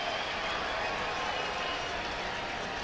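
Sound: stadium crowd cheering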